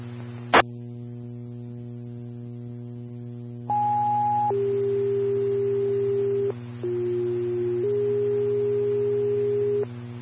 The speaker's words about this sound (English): Farmington Engine 5, Medic 5, standby for tones.